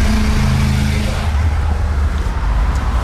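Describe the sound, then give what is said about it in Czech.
A car engine hums loudly with a steady low drone as it drives out of a parking lot, its tone shifting as the vehicle pulls away and the rumble settles into a rougher, broader road noise. “Při výjezdu z tamního parkoviště se už auta mířící na Příbor nebudou muset proplétat okolními ulicemi.”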